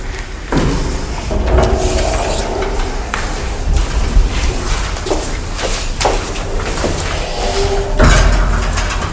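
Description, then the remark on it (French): A door at a maison de la culture (cultural centre) bangs shut again and again on a very hot day, several sharp knocks spread unevenly over a few seconds, set against a loud, busy wash of background noise and murmuring voices. “Non, c'est juste la porte qui n'arrête pas de claquer.”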